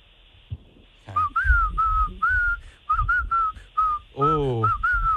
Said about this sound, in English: Oh, this guy's good. He is good. Professional whistling right there.